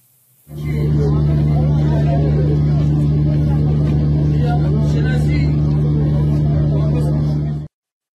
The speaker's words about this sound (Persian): ویدیویی ببینیم از ازدحام خودرو مقابل باغ رضوان در صبح 20 و 21 دی ماه.